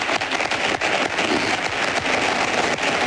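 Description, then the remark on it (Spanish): Sustained applause from the audience at Florentino Pérez's election closing event, a dense, steady wash of many hands clapping at once, loud and continuous throughout with no speech over it. “Aplausos del público que asiste al acto de cierre de elecciones de Florentino Pérez, que sigue hablando.”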